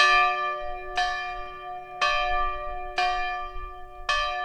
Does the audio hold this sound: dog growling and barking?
no